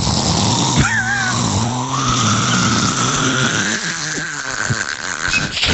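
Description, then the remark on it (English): A person imitates a man's loud snoring while he sleeps, producing continuous rough, rasping snorts and wheezy squeals for several seconds. “give people like an impression of what it sounds like when he's sleeping.”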